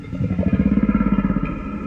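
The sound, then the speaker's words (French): A whale call: a low, throbbing groan made of rapid, evenly spaced pulses that swell in the middle and then ease off, heard alone without any talking. “C'est une baleine qui propose d'aller pêcher avec elle.”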